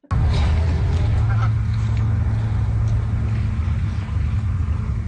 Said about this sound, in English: Well, the District of Summerland is taking on a new tactic to keep geese away from their beaches. The CBC's Dale Boyd went to Powell Beach to take a gander.